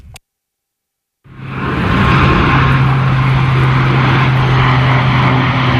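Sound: airplane flying overhead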